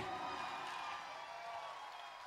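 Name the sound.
audience applause and cheering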